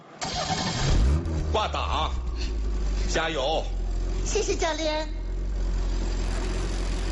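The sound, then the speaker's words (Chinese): A car engine cranks and catches near the start as the driver presses the clutch and turns the ignition during a driving lesson, then settles into a steady low idle rumble that continues throughout while people talk over it. “踩离合，打火。”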